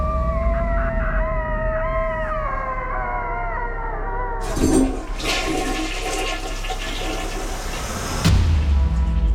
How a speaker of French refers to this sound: Il court s'enfermer au water, où il pousse un long cri de désespoir. Tel un coyote au milieu du désert.